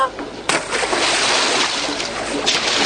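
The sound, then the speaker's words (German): A sudden loud splash of a child falling into water, followed by a couple of seconds of churning, sloshing water. “Um Gottes Willen, das Kind ist ins Wasser gefallen.”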